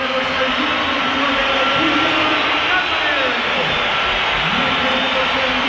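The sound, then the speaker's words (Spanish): A stadium crowd at a football match whistles in disapproval as player Julián leaves the pitch after being substituted, a steady, dense roar of shrill whistles and crowd noise that holds loud for the whole stretch, with some sliding tones rising and falling through it. “Bueno, pues algunos pitos. No, algunos no, la que hay una pitada.”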